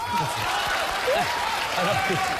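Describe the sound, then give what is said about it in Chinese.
Steady applause from an audience fills the whole moment, a dense, even patter of many hands with voices faintly mixed in underneath, welcoming an older man to give a final statement. “好，接下来咱们用掌声欢迎大叔做最后陈述。”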